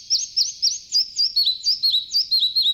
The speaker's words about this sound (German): Ja, so klang er, der Zwergschnäpper, der Vogel der Woche, auf der Rabeninsel. Schwer zu sehen, weil er ist ja so klein.